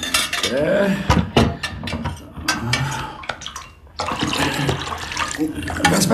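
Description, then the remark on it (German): A water container is handled in a dungeon: sharp clinks and knocks of vessels against each other, mixed with sloshing and pouring water, with a brief pause before the clatter resumes. “gib mir den Behälter mit dem Wasser da.”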